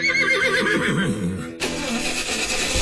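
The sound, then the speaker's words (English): A horse gives a loud whinny with a shaky, wavering pitch, then the sound cuts abruptly to a steady rumbling engine. “Back in the day, if your horse wouldn't leave the barn, your whole day stopped right there. Come on, big fella.”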